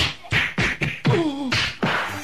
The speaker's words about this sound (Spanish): Un golpazazo en la panzota de puerco.